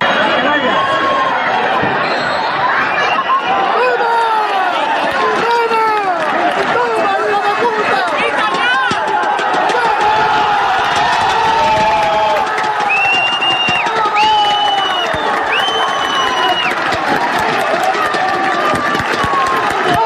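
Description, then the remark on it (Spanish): A football stadium crowd roars and cheers continuously, a dense mass of shouting voices, while three short, high referee whistle blasts sound in a row partway through. These are the stands at the final whistle of Calvo Sotelo 1, La Solana 0, as Puertollano's football team won promotion as Tercera División group 18 champions. “Porque así sonaban las gradas el pitido final del Calvo Sotelo 1, la Solana 0, con el que el equipo de fútbol de Puertollano ascendía ayer a eso de las 8 de la tarde a segunda ref, tras proclamarse campeón del grupo 18 de tercera división.”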